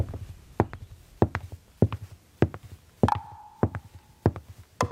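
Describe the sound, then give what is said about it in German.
Steady footsteps walk at an even pace, each step a sharp tap with a soft scuff, about eight steps in five seconds; a brief high whistle-like tone rings in the middle. “Die Geräusche unserer Schritte.”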